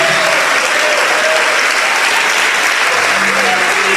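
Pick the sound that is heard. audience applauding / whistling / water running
audience applauding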